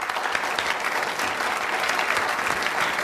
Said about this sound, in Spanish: Fuerte aplauso a una chica muy divertida cuyo nombre querrán recordar.